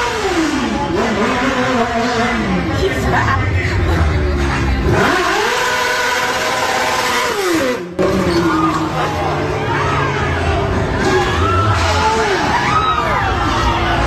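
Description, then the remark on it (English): A motorcycle engine revs hard several times as the rider does a burnout on Atwells Avenue, its pitch climbing and falling in loud surges, over a noisy street crowd with shouting, cheering and chatter throughout. “So, when you watch the video, you can't really tell much right there, but you hear the motorcycle revving up its engine, doing like a little bit of a burnout on Atwells Avenue, tries to pull away”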